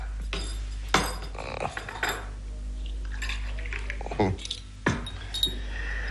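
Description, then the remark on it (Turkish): Small tea glasses clink and chime against saucers and spoons in quick, bright taps while samovar tea is served, with a few sharper knocks and a soft pour of liquid amid steady low hum. “Ben de bugün semaveri kurup gölgeye çekildim. Uzat şu bardağı.”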